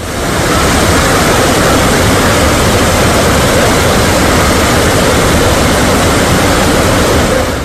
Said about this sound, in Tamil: மெந்தார் நல்ல ஆற்றில் 6 உயரத்திற்கு கரைபுரண்டு ஓடும் வெள்ளத்தால்